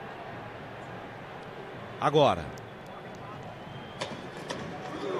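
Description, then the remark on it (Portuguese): Brazil football fans in a stadium in New Jersey chant "creu" in a steady, dense crowd roar. A single voice cuts through briefly near the middle, and a few sharp claps or knocks follow. “A torcida do Brasil fazendo creu.”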